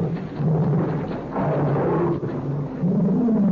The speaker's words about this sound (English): strange sound. I wonder what it is. I don't know. It seems to be an animal of some kind. I've never heard anything like it before. That's my pet tiger.